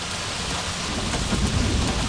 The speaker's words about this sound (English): This storm is right on our tails.